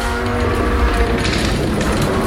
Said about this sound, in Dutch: Dit is een zware deur, hoor.